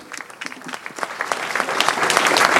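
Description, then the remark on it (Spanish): A crowd claps steadily for friends taking part in an internal stay, the applause starting as scattered hand claps and swelling into a dense, continuous ovation that grows louder toward the end. “Y por el momento vamos a darle un aplauso a los amigos que están haciendo esta estadía interna.”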